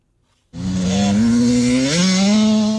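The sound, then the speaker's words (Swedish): A motocross bike engine snarls suddenly to life after a moment of quiet, buzzing loud, then revs higher as it pulls away on the Börsinge track of the Getinge motor club in Sweden. No voices are heard. “Pelle Fridlund som tränat motorcross i 6 år”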